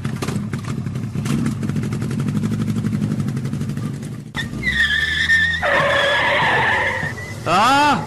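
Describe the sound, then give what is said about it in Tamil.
A motorbike, ridden fast with the helmet hanging on the handlebar, roars and revs loudly, then tires let out a long, high screeching skid, ending with a sharp rising squeal. From a public service message on Akashvani Nagercoil Kumari FM. “வேகமா பைக்ல போகும்போது முடியெல்லாம் பறக்க வேண்டாமா?”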